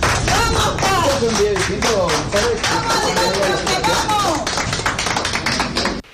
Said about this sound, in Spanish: llamando la atención entre aplausos y gritos de aliento de distintos allegados